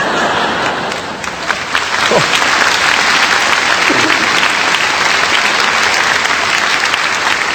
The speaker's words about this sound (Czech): Vy se smějete, tleskáte, jenomže vzpomeňte si, co my jsme tady měli.